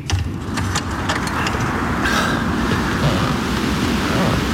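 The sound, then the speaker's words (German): A storm at night over a lake and around a house: a steady, loud roar of wind and churning surf fills the whole stretch, a dense low rumble with hissing gusts and a few brief higher swishes rising and falling. “Sicherlich wird sich der Sturm in Kürze zum Orkan entwickeln.”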